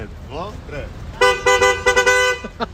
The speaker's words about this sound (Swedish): Så lite tuta blir det? Ja, såklart. Självklart. Får man höra hur det låter då? Absolut.